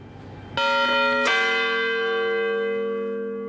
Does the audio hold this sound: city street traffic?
no